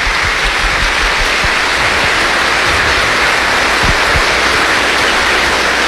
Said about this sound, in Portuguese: Nós vamos dar uma salva de palmas, né, para os nossos catequistas.